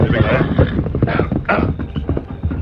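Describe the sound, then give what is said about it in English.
A horse, the Lone Ranger's horse Silver, whinnies amid a rapid, steady drumming of galloping hooves as it is ridden with Tonto to Needle Pass; loud, with the rhythm running continuously through the short burst. “The Lone Ranger immediately saddled his horse, Silver, and rode with Tonto to Needle Pass, scene of the gold robbery.”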